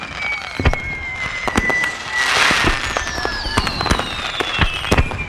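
A rapid volley of fireworks goes off, sharp cracks and pops scattered densely throughout, with whistling rockets streaking overhead and a brief rumbling swell of crackle in the middle.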